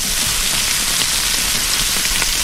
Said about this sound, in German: Es brutzelt das Fleisch